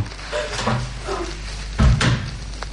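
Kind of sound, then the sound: household object, room door being closed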